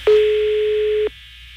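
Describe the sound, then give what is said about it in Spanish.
A single steady telephone ringback tone, about one second long, sounds clearly over a faint line hiss, then cuts off, as heard while an outgoing call rings a woman's phone, which goes unanswered. “Está sonando el teléfono de la señora. Pero no contesta, güey.”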